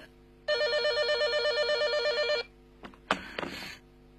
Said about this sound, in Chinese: 哎呀，电话来了。